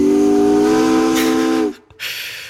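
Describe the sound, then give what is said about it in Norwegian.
A steamship's steam whistle gives one long, steady, low and loud blast full of rich overtones, then stops abruptly, leaving a brief hiss of escaping steam. “Jeg antar at du ikke ute og kjører et dampskip denne onsdagskvelden, men hvis det noen trafikkoppdateringer å melde om fra dampskipet du på, så det bare å si ifra, men ellers så det altså rolig.”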